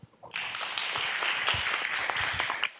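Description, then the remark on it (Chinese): A crowd at an opening ceremony bursts into steady, dense applause thanking Master Yuande and the guests, many hands clapping together in a sustained rush that holds loud for over two seconds before cutting off abruptly. “让我们再次以最热烈的掌声感谢袁德法师与所有与会贵宾的开示与祝福。”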